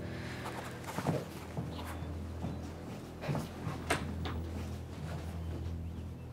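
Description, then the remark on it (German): Several footsteps thud over a steady low hum, followed by a door being pushed shut with a firm knock, then quiet. “Würdest du bitte die Tür schließen, wenn du jetzt gehst?”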